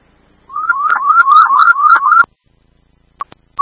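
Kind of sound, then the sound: signal or alarm, fire dispatch alert tone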